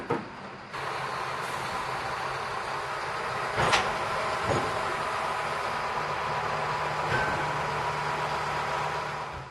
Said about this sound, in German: Im Hafen erwartet uns wieder der Rangiertraktor. Er wird den Zug auf das schwedische Festland und in den Fährbahnhof Trelleborg rangieren.